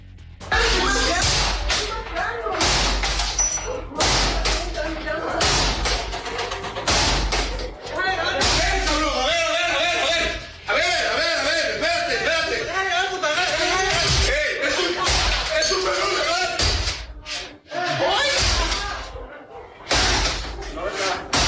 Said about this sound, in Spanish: Un grupo armado rompiendo la puerta en donde estaba